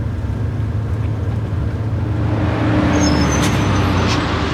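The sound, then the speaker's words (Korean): A bus engine drones steadily, loud, with a deep rumbling hum throughout; toward the end faint hissing and squeaks rise over the motor as the bus slows and reaches the stop where two passengers get off. “어느새 두 사람이 내릴 정류장이었다. 버스에서 내리자”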